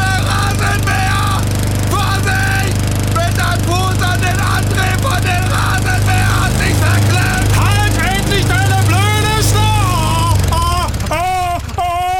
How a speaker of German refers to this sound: Der Fuß ist in den Rasenmäher gekommen. Haben Sie wahrscheinlich jetzt selber schon mitgekriegt, ne?